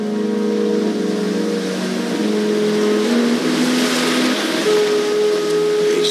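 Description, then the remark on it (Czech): A sea tractor's engine runs steadily, a loud droning hum with shifting tones as it works, with no voices over it; the sea tractor carries people across to an island hotel when the tide is in. “pokud je příliv, tak se tam jezdí takovým mořským traktorem, který jsme mohli vidět v televizní adaptaci tohoto románu Zlo pod sluncem s Davidem Sichem.”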